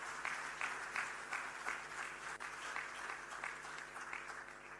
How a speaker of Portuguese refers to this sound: Queria, por isso, pedir mais uma forte salva de palmas por este ato.